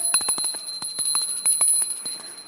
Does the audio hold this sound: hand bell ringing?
yes